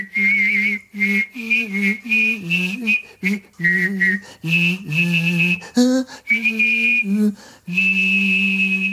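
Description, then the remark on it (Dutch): A man whistle-sings, humming a sung tune while whistling a high melody over it at the same time, in short continuous phrases with brief pauses. Fairly loud, with no talking. “De zeer complexe vinding van Wim T. Schippers, waarbij hij zowel fluit als zingt.”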